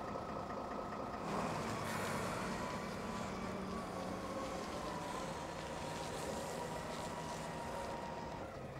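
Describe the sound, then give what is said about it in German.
A large container forklift at a boat harbour, driven by the harbour master, runs with its heavy diesel engine droning steadily and a mechanical whine layered on top while it lifts a boat in straps, with no voices. “Wie die Moorhexe jetzt, werden im Frühjahr damit alle Boote wieder ins Wasser gehoben.”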